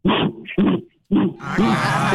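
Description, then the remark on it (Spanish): A man imitates a gorilla as part of a sing-along song, with loud guttural grunts: two short rough bursts, a brief pause, then a longer, breathier growl that trails into hoarse huffing. “Dice, las manos hacia arriba, las manos hacia abajo, y como los gorilas.”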